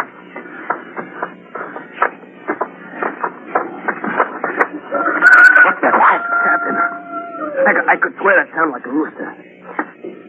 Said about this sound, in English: I could swear that sound like a rooster. I don't hear it anymore. A very unlikely sound. A rooster crowing on Mars.